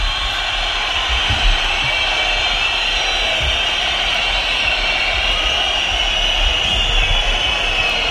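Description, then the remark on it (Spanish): At Mestalla, as a match against Atlético de Madrid ends, a huge stadium crowd shouts "fuera" in a loud, unbroken roar that holds steady for about eight seconds, a dense wash of voices with no pauses or single standout calls. “Gritos de fuera a fuera, vemos pañuelos también, que son numerosísimos, a millares, en frente de tribuna, en la zona de tribuna, en los dos fondos.”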